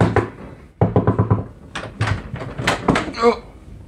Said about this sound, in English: I hammered on his front door.